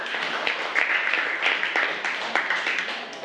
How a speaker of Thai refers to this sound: เก่งมากค่ะกลุ่ม5ปรบมือให้กลุ่ม5ค่ะ